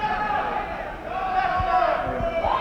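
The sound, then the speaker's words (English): A crowd of boys in the audience at a live stage show yelling and shouting together, a loud, steady jumble of overlapping cries with rising and falling pitch and no clear words. “All you girls in the audience to notice that the boys that are screaming out, we notice the girls don't usually scream out, but the boys that are screaming out, when they want to be entertained that fast, stay away from them.”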